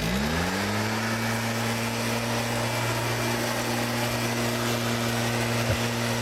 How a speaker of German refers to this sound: Der Laubbläser, oh mein Gott. Und das Herbstlaub liegt jetzt auf den Straßen und Gehwegen.